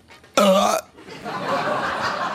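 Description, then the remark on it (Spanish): A voice imitates the strong hiccup of someone with a long, unstoppable fit of hiccups: one loud, abrupt, voiced gulp, followed by a softer stretch of breathy, rustling noise. “Y el pobre vino con un ataque de hipo increíble.”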